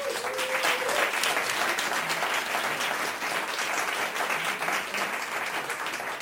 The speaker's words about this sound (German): bitte großen Applaus.